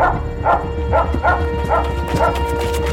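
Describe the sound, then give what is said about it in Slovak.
A dog named Kuler barks about six times in a quick, steady rhythm, fairly loud, with a low rumbling undertone and some background commotion, as it seizes and bites a girl. “Okamžite chyť toho psa, hlupák.”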